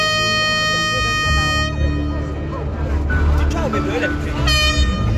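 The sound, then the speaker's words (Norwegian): A loud, sustained truck air horn blares at a protest demanding lower fuel prices at Eidsvolls plass, cuts out into a stretch of noisy outdoor crowd chatter and shouting, then blasts again near the end. “I dag hadde en ny gjeng samlet seg på Eidsvollsplass, så kanskje ble det ikke det store brølet denne gangen, men et tut fikk vi.”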